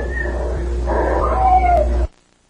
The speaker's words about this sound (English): And this voice comes in and says, nap cat, and there's a whistle and a meow.